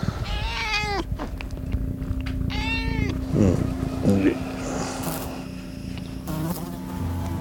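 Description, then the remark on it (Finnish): An insect buzzes right up close to the microphone with a steady, droning hum that runs through the whole recording, while louder rising-and-falling cries, like meows or voices, come and go over it. “Kyllä kävi pörisemässä tähän mikkiin.”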